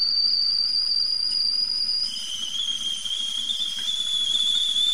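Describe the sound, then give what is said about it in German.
A kettle whistles as water boils for a cup of tea: a steady, shrill high tone that drops abruptly to a slightly lower pitch partway through and holds there, over a soft bubbling rumble. “So, das Wasser kocht.”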